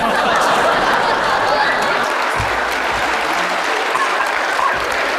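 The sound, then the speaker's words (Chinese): A crowd applauds steadily and loudly throughout, a dense wash of clapping hands with faint murmurs and a little laughter mixed in. “谢谢大家热烈的掌声，听众表演的非常卖力气。”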